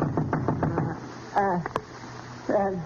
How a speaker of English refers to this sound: And then a knock on the door awakened me.